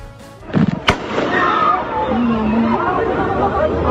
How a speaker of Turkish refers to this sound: Silah sesleri yükseldi. Miras kavgası kanlı bitti. İlk defa bu ara sokakta kavga olduğunu görüyorum. Olayın adresi İstanbul Esenyurt.